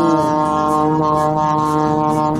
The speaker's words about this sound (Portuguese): Toca a buzina pra ele aí, ó,